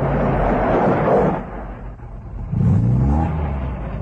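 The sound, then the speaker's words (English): A truck's heavy engine rumbles steadily along a rough dirt road, dipping briefly before rising again with a louder, revving surge as the truck approaches. No voices, just the low motor drone. “At the sound of the motor, a tall, unkempt man pulls himself upright from a wattle pole against which he has been leaning.”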